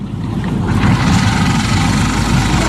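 An engine idles steadily, a continuous low rumble with a rhythmic throb that holds constant for the whole stretch, with no voices over it.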